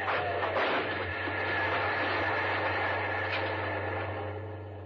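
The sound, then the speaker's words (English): A loud, steady roar of a train rushing past through a level crossing with the red lights on and the gates down, a dense rumbling wash with a deep mechanical hum underneath, fading slightly at the very end. “The red lights are on. The gates are down. You'd better stop.”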